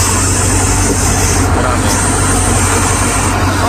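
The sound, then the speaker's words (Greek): A person imitates a snake, making a long, steady, loud hissing sound in an audio message, held without a break over a low rumbling engine-like drone. “Ωραίο και έτσι κάνει το φίδι.”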